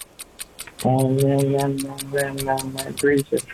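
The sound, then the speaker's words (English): A stop clock ticks steadily and quickly during a 60-second quiz round, about five crisp ticks a second, continuing throughout while a voice speaks loudly over most of it. “I've got the stop clock, and here we go.”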